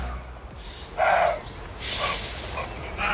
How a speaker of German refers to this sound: Ja, so ähnlich klang das heute Morgen im Garten von meinen Nachbarn in Emshorn und ich dachte mir, was ist das denn? Ist das ein Hund, eine Katze, eine Krähe? Was ist da los? Nee, das war wohl ein Reh zur Paarungszeit.